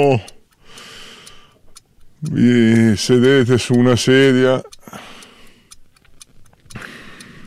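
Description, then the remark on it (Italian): Steady, evenly spaced ticks of a large clock, moderately loud, continuing beneath a person's speaking voice and standing out clearly in the quieter stretch afterward. “guardate l'ora, guardate l'orologio, adesso è un orologio grande che vi fa capire il tempo che trascorre.”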